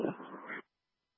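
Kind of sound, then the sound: animal, dog whimpering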